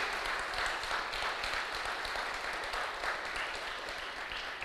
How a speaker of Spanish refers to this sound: Dile un fuerte aplauso al que vive, aleluya.